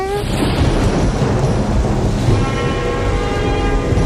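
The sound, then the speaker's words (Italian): A loud thunderclap during a storm rolls out as a sustained, rumbling roar lasting several seconds, heavy in the low end with a faint ringing tone layered through it. “Forza ragazzi, sta arrivando il tuono, prendiamolo in pieno,”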